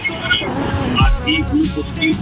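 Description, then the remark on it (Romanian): Steady low road rumble from inside a moving car, heard over a thin, muffled phone line during a morning call-in from a caller in Sibiu, with a faint voice talking underneath the noise. “Mai zi o dată și dacă poți direct în telefon, pentru că mai tare se aude zgomotul din mașină decât vocea ta.”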